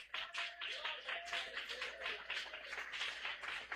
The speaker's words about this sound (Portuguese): Então, palmas que exaltam ao Senhor.